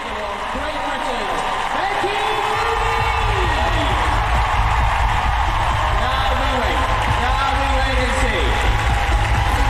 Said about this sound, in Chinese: 这样出色的表现呢，博得了全场观众的欢呼，的确是一场完美的演出。他的这匹马猎人炸弹 Jagger Bomb 也非常的享受现场观众对他们这对组合的欢呼